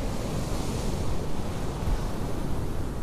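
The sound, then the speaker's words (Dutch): Steady roar of surf washing onto a beach on the coast at Noordwijk during the European coastal fishing championships, mixed with gusty wind buffeting the microphone, loud and continuous throughout with no voices. “Aan de kust van Noordwijk zijn op dit moment de Europese kampioenschappen kustvissen bezig.”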